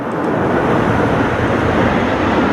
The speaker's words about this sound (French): Ces trois avions de chasse qui viennent de survoler Périgueux, puis toutes les communes du département jusqu'à Bergerac. Ils arrivent tout droit de Paris, du défilé parisien sur les Champs-Élysées.